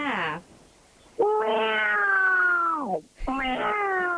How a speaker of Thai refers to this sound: คือต้องมีเสียงแมวด้วยใช่ไหมคะ ใช่แล้วแมวจริงก็มีอยู่เนี่ยในกระนั่งนอนฟังเลยเนี่ย